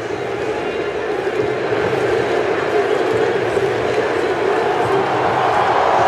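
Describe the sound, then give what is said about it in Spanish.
A stadium crowd of Moroccan football fans roars in celebration in a dense, sustained wall of cheering that stays loud and steady throughout, with no single voice standing out. “Explosión de júbilo.”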